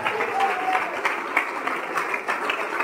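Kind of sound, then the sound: crowd, applause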